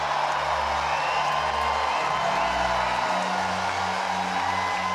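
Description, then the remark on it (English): A huge stadium crowd in Glasgow roars and cheers in a steady, loud wash of sound as host nation Scotland's team walks out, with deep bass notes of music pulsing underneath for the whole stretch. “Host country Scotland walked out to a huge roar from the crowd.”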